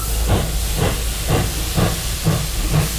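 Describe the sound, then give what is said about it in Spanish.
A steam train hisses steadily, with rhythmic chuffing bursts about twice a second over a low rumble. The sound is fairly loud, with no voices. “La verdad es que este tren es un poco como de vapor, ¿no?”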